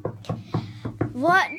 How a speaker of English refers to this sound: That actually sounds like knocking on the door.